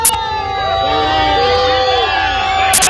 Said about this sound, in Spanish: Entre abucheos, al grito de vergüenza, enfado e indignación también en la Puerta del Sol, donde se encuentra nuestro compañero